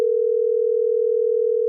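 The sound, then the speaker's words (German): A steady, continuous telephone dial tone of a call to Ireland hums at constant pitch and volume for under two seconds, clear, with no voices or other sounds. “Darum habe ich telefoniert nach Irland.”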